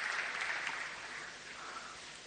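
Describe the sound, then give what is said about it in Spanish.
An audience applauds the President during an interview, a dense, hissy wash of many hands that starts strong and tapers off slightly toward the end, with no voices over it. “Acá lo aplauden, por si no escucha.”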